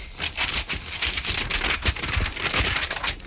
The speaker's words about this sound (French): Vous avez du mal avec vos papiers, vous avez de l'aide ?